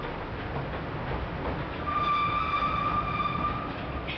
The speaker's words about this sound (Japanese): さあ今黒部峡谷鉄道欅平駅からトロッコ列車に乗りました。